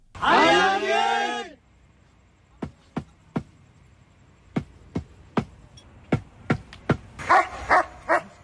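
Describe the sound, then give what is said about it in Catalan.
A trained search dog, working with rescue teams searching for survivors, lets out a loud, drawn-out yelping bark, then falls quiet while a series of short, sharp knocks sound at irregular intervals, ending with a couple of brief yips. “Treballem amb gossos ensinistrats, també en equips de detecció.”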